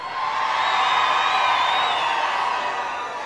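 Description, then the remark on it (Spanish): A large crowd at a live guitar show roars and cheers loudly in a sustained wave of shouting, answering the performer's call for a loud shout from people who came from elsewhere, with whoops rising out of the dense, continuous noise for several seconds before easing slightly. “Ahora un grito bien fuerte, la gente que viene a otros lares.”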